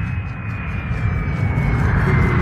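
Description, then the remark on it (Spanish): A steady aircraft engine drone with a thin high whine on top, holding constant and swelling slightly louder toward the end, with no voices, as the engines are switched off from on board. “A bordo, Calimán apaga el contacto de encendido de los motores”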